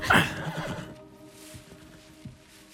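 A horse lets out a loud whinny that shudders and fades within a second, followed by quieter snorts and soft shuffling movement.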